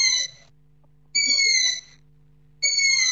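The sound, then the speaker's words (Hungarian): A long-eared owl chick's food-begging call, recorded on a camp site: three loud, high, squeaky screeches, each about half a second, repeated at an even pace over a faint low hum. “Ez az erdei fülesbagoly fiókának az eleségkérő hangja.”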